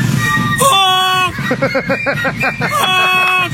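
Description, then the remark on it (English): A flock of flying geese honks loudly, with a few drawn-out nasal calls giving way to a rapid, overlapping burst of short honks over a low rumbling background. “That's what a goose sounds like. But they're flying.”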